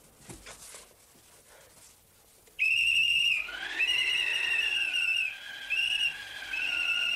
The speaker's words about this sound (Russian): Достает из кармана свисток.